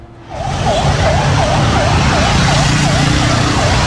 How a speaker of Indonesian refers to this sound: Nah, ini terlihat ada 2 mobil pemadam kebakaran ya yang melintas di daerah Bandulan mengarah ke barat.